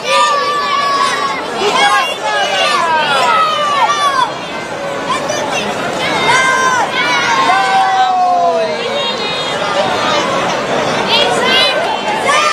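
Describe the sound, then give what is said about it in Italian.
A lively crowd of children shouting and calling out while they play, many high voices overlapping into a steady, energetic babble that stays loud throughout. “Facciamo ascoltare intanto la voce dei bambini.”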